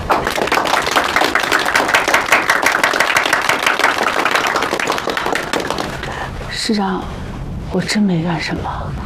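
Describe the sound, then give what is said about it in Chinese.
A group bursts into dense, steady applause for several seconds, many hands clapping at once, after a military division's Party committee announces a third-class merit award, then the clapping fades as voices start talking over it. “石党委决定给你记3等功1次，鼓掌。”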